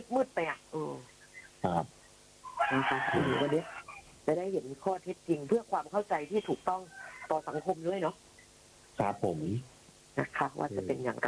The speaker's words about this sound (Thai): เข้าใจว่าสายมาแล้วค่ะได้ยินเสียง ได้ยินเสียงไก่ขันแล้วครับไปรับสายก ัน เลยฮะ เพราะว่าคงไม่มีไก่ขนาดนี้เดี๋ยวไปรับสายกัน